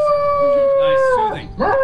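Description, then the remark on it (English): A dog lets out a long, loud, sustained howl, holding a steady tone before sliding down in pitch and rising again, almost like singing. “With special guest, a singing dog.”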